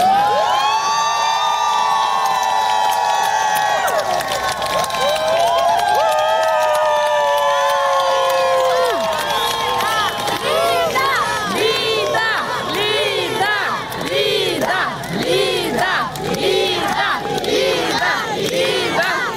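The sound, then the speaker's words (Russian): A large crowd shouts loudly outside a court building in support of Lida Moniava, head of the House with a Lighthouse charity, as she leaves after a hearing, first with long drawn-out collective cries, then breaking into rhythmic, repeated chanting in unison that continues steadily throughout. “Это запись момента, когда обвиняемая по статье о так называемых фейках про российскую армию глава благотворительного фонда «Дом с маяком» Лида Мняве вышла из здания суда после избрания ей меры пресечения.”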